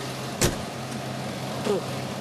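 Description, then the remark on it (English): A large tractor's engine runs steadily with a low, constant rumble, broken by two brief clunks or knocks a second or so apart; no one speaks. “If he says my tractor is too big, I'm going to kill him.”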